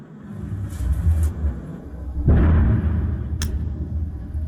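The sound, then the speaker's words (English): A deep rumbling backdrop, then a sudden heavy boom from a missile explosion that rolls on as a sustained low roar, with a brief sharp click shortly after. No one speaks. “Very quickly, that is some sort of missile.”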